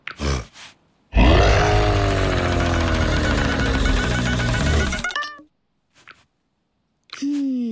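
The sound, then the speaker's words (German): A lion roars once, trying to drive a donkey out of a dog's basket, loud and sustained for about four seconds, a rough low rumble whose pitch sags as it fades, with brief shorter sounds just before and after. “Den Esel mit Gebrüll zu vertreiben, hat auch nicht geklappt.”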